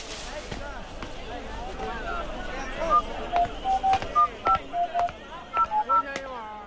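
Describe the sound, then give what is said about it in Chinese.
A telephone being dialed by a mother calling a community weekend club: about a dozen short, clear keypad tones beeping in a quick, slightly uneven sequence, fairly loud over a faint murmuring background. “好，妈妈等下就帮你打电话啊。”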